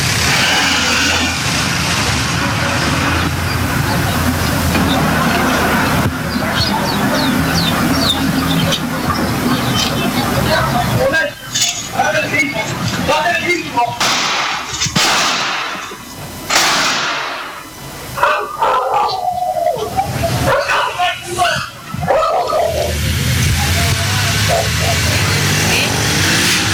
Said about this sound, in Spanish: esta vez un ataque a balazos contra una casa, pero yo antes de seguir hablando de este tema quiero que ustedes vean, porque quien ataca va en bicicleta, pero además que vean y que escuchen cómo fue este ataque a balazos.